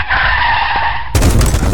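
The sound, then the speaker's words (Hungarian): A car's tires squeal in a loud, sustained skid for about a second as it pulls into a garage at 50, then cut off abruptly into a harsh, crunching crash impact. “Szívem, mondtam, hogy ne 50-nel állj be a garázsba. Ennek annyi.”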